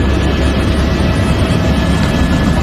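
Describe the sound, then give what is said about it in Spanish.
A loud, steady drone from a firefighting helicopter fills the whole stretch, its deep engine rumble and fluttering rotor wash unbroken, with no voices. “Hemos hablado de hidroaviones y ahora toca hablar de helicópteros.”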